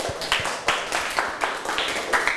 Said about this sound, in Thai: นักเรียนต้นทางคนไหนตอบถูกหมดทุกข้อบ้างครับยกมือครูดูหน่อยโหเยอะมากเลยครับปรบมือให้ตัวเองดังๆเลยครับ